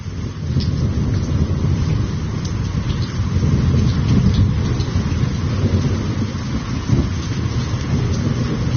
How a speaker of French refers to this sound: On peut écouter le son de la première pluie de l'année et de l'orage à Ouidou.